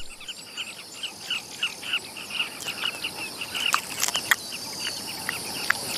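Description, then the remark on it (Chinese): A colony of thousands of pairs of carmine bee-eaters on a bank of the Luangwa River calls constantly, with many short, high chirps overlapping in a busy, steady chatter and a few sharper, louder notes standing out. No voices are heard. “好在河岸上有成千上万对风虎，它可以尽情捕食。”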